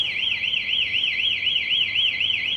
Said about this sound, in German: Jedoch wird es erkannt, dass jemand versucht, das Kabel zu klauen. In diesem Fall löst die Säule Alarm aus, optisch und akustisch.